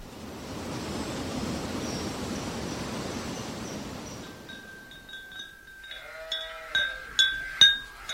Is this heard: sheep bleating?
yes